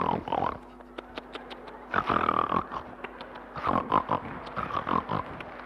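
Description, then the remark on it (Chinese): A man's voice imitates snoring with rough, grunting snorts that sound almost pig-like, repeating in uneven bursts of rasping inhales and nasal rumbles, moderately loud with no other speech. “不是，您等会儿 啊， 这是人打呼噜吗？”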